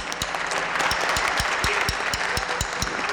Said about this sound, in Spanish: así es que el aplauso que sea para ustedes. Muchas gracias.